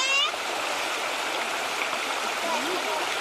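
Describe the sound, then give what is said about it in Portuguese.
Water from a river stream rushes steadily over stones being placed to build a small stone wall and pool, a continuous babbling wash that fills the whole moment without pause. “A gente precisa colocar as pedras de um jeito que não passe muita água.”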